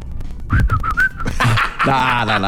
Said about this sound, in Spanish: Sí, estoy viejo. Pero para aprender a chiflar.